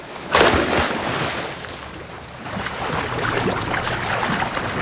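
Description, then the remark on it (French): A sudden splash as someone jumps from a boat into the open sea, followed by steady churning and sloshing of water. Nobody speaks. “Allez hop, à l'eau.”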